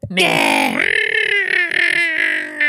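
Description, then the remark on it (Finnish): A person's voice imitates screeching gulls: one loud, harsh, nasal cry that rises sharply, then wavers and pulses in quick throaty bursts for a couple of seconds. “jos mun katolle muuttaisi 8 lokkiperhettä ja ne huutaisi siellä 24 tuntia vuorokaudesta”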